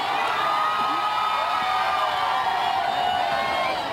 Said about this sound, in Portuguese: Há sempre muitos gritos de viva o Papa e também muitas palmas, e este é sempre também um momento de muita confusão.